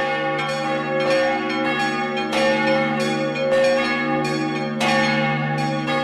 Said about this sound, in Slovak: No a už keď sa tam teda človek dostane, je to o tom rozostaviť teda mikrofóny a vtedy zvony nahrávam.